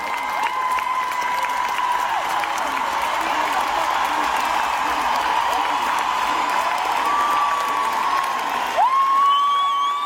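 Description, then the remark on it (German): A live stage-show audience cheers loudly and steadily for about ten seconds, with shouts and whoops riding over a dense wash of noise. Near the end a shrill rising whistle cuts through. “Das Publikum rastet natürlich auch aus.”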